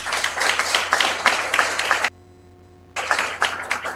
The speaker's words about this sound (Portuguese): Uma salva de palmas a todos.